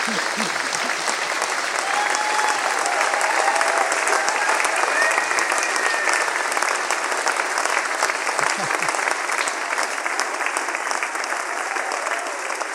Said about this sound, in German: Dafür bitte so einen Applaus.